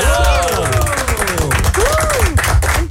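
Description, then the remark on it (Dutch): A crowd applauds steadily and loudly for the full three seconds, dense clapping mixed with rising and falling cheers and whoops from the audience. “dan valt het applaus van ons nu wel een beetje niet bij die, bij die vier minuten van afgelopen weekend.”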